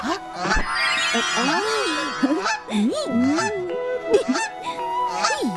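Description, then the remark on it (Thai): A small goose honks loudly and repeatedly, a string of harsh, nasal calls rising and falling in pitch with brief gaps between them. “มาหาข้าเดี๋ยวนี้เจ้าห่านข้าบอกให้มาหาข้ามานี่เร็ว มาทางนี้เร็วข้า เจ้าห่านเดี๋ยวสิ เราเป็นคนช่วยเจ้าเอาไว”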